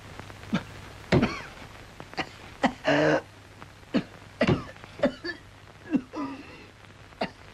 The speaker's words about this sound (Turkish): Ah canım, nasıl da hönk hönk öksürüyor.